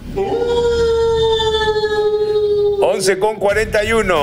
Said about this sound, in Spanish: Y lo celebra el lobo. Aúlle el lobo.